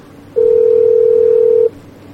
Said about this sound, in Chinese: 嘿，不接电话啊？怎么不接电话？ 再试一次。